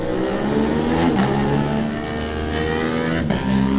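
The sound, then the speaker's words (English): Lewis Arrowsmith's racing motorcycle pulls away from the start in free practice, the engine roaring and climbing in pitch as it accelerates hard, with dense harmonic whine rising through gear changes and a brief drop around a shift. “Lewis Arrowsmith is away on his machine.”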